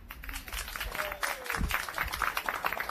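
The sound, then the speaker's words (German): An audience applauds a very young musician at a live broadcast event in Fürstenfeld, dense overlapping handclaps sustained without pause for the whole stretch. “Und ich hoffe jetzt auf einen tosenden Applaus, denn ich habe einen ganz jungen Musiker bei mir.”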